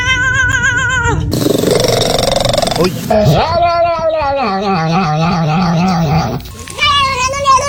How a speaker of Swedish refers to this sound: Katter kan göra omkring 100 olika läten, men hundar kan bara göra omkring 10 läten. Och jag tänker att vi kan väl lyssna på några kattläten då.